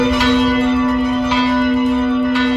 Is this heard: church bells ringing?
yes